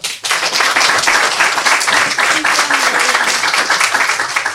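A crowd applauds steadily, dense overlapping claps at an even, loud level from start to finish, with faint voices mixed in underneath.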